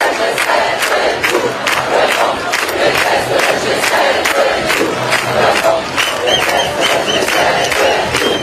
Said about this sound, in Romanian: seară mii de protestatari au manifestat în Geneva pentru a-și arăta nemulțumirea față de acest grup G7, printre ei militanți pentru mediu, pentru cauza palestiniană.